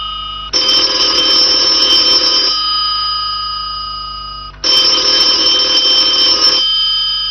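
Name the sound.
telephone bell ringing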